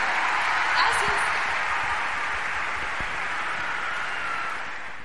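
Steady, dense clapping from an audience after a song is performed, a continuous wash of applause that holds for several seconds and gradually tapers off toward the end.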